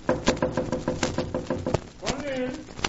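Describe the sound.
A rapid, steady series of about a dozen sharp knocks on a door, followed by a brief pause before a voice begins speaking.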